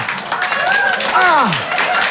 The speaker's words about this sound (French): Ils applaudissent ça, les fous! Oui, les couilles bleues!